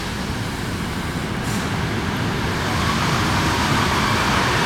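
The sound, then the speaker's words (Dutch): An old Dutch 'dog's head' (hondenkop) train arriving on the line to Soest: a steady rumbling roar that swells slightly louder as it pulls in, without obvious brake squeal and with no voices. “kijk, daar komt echt een treintje met Jan binnen. Ja, de hondenkop.”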